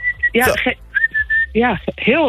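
A loud, sustained mouth whistle at one steady pitch, blown in several long blasts to call the cats inside, with people talking over and between the blasts.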